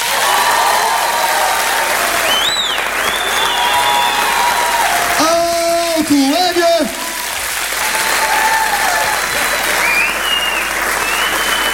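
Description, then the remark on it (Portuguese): Sustained, enthusiastic applause from a large audience at a live show, with cheers and whistles rising above the dense clapping throughout. “Quero uma grande salva de palmas calorosa”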